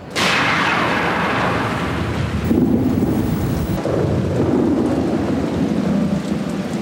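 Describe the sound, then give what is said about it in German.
A loud thunderclap from an approaching thunderstorm on a mountain, as lightning begins, bursts at the start and rolls into a long, deep rumble that lingers and swells again, with steady rain-like hiss underneath. No one speaks. “Wir müssen schnell runter vom Berg. Es fängt schon an zu blitzen. Jetzt wird's gefährlich.”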